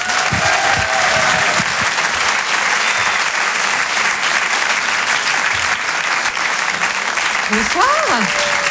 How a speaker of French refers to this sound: Je vous demande de l'applaudir comme il se doit.